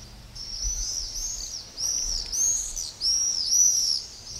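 Shrill, high-pitched screaming calls of common swifts, repeated in overlapping bursts as if from a passing group, fairly loud against a faint low rumble with no voices.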